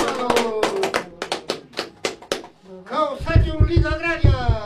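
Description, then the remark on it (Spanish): A group claps in a quick, uneven rhythm, about ten loud, sharp smacks in a row. The clapping then gives way to several voices talking and calling out. “Palmas, palmas, compañeros, palmas.”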